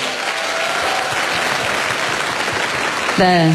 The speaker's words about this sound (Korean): 네, 정승환 씨에게 다시 한번 뜨거운 박수 부탁드립니다.